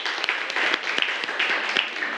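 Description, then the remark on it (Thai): Students in a classroom applauding a classmate's answer together, a dense, steady patter of many hands clapping with a few sharper individual claps standing out, lasting a couple of seconds without any voices. “เฮ้ยดีปรบมือให้เพื่อนหน่อยครับ”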